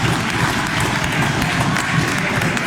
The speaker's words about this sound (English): And they're clapping. 80% is really good.